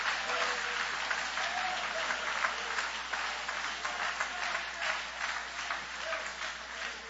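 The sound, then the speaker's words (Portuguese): A large crowd claps together for Jesus in sustained, dense applause for several seconds, the many hands blending into a steady roar with a few voices faintly mixed in. “Pode aplaudir todo mundo junto agora, dando uma linda salva de palmas para Jesus.”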